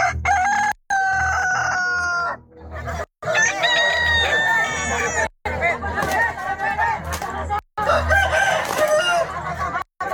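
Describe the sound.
Several roosters crow loudly, one call after another, with agitated clucking between the crows and a murmur of voices underneath, as two fighting cocks are released into a cockfighting arena in Kutai.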